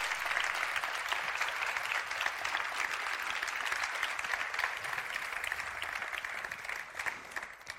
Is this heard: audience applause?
yes